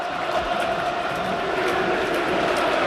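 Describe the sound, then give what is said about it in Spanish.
A large football stadium crowd at El Sardinero in Santander roars continuously in celebration, a dense, steady wash of cheering voices that keeps a constant level throughout, with no single speaker standing out. “Y podéis escuchar, esto es una auténtica fiesta.”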